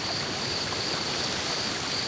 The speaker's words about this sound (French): J'entends un cours d'eau et du vent dans les arbres. Mais pas de son, bestiole. Dans les forêts du massif central, l'été, les nuits sont très douces.